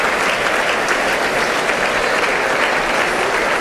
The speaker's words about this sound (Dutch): Dat is applaus voor de muzikanten van Brussels Philharmonic.